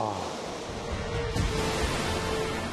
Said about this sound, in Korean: 폭포가 떨어지는데 그 물줄기가 어디까지 떨어지는지 보이질 않습니다. 그래서 정말 이 물줄기가 지구 안쪽으로 막 쏟아져 버리는 그런 막 상상을 하게 되네요.